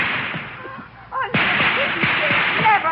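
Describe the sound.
Sharp gunshots crack repeatedly in a quick, irregular volley, loud and close, with excited voices shouting underneath amid a busy, noisy background.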